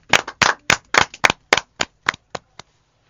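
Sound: audience clapping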